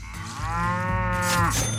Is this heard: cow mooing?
yes